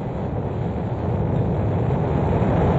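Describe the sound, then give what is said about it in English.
A deep, continuous roar of rocket engines at a launch liftoff at 9:34 a.m. Eastern Daylight Time, heavy low rumble filling the sound steadily and loudly throughout, with no voices present. “Ignition sequence start. Engines on. 5, 4, 3, 2, 1. All engines running. Launch commit. Liftoff.”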